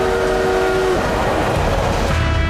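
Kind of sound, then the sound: vehicle, train running on rails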